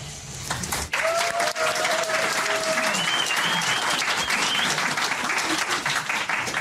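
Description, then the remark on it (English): An audience gives a round of applause for the event's MCs, a sustained, loud, dense wash of many hands clapping that holds steady throughout, with a couple of faint whistles or cheers rising above it. “We'll get another round of applause for our MCs.”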